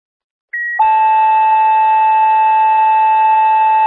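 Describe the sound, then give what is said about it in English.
A brief high electronic beep at about half a second, then a loud, steady sustained tone that holds unbroken to the end: a Darien Fire dispatch tone alert paging Engine 231 to respond to a fire alarm, like over a radio scanner. “Engine 231, a Darien Tone Alert. Respond to fire alarm.”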